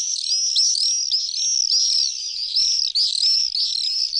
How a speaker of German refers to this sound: Es geht um den Mauersegler. Der Mauersegler ist wieder in Deutschland.